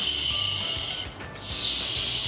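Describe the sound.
A person demonstrates the 'sh' sound with a long, steady hissing 'shh', teeth held together as if biting and air let out through the gaps between the teeth, breaking briefly in the middle before starting a second sustained hiss. The breathy sound is fairly loud and has no speech.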